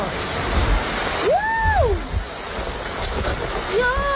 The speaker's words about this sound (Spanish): un leve respiro tras una jornada, la de este jueves, de muchísimo calor, con una alerta roja que dejó bastantes incidencias porque también vino acompañada de lluvia y de tormentas eléctricas. Escuchen.